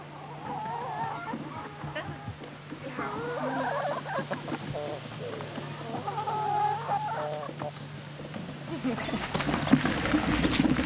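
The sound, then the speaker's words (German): Chickens cluck and chatter steadily in a busy flock inside an automated, solar-powered mobile chicken coop, their calls overlapping at moderate volume over a constant low mechanical hum, growing louder and more crowded toward the end. “Im Hühnermobil läuft alles automatisch.”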